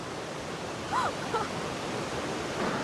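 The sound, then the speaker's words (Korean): The powerful torrent of Augrabies Falls roars in a steady, dense wash of rushing water, unbroken throughout, with a couple of brief high chirps rising over it near the middle. “진짜 압도적인 물살이에요.”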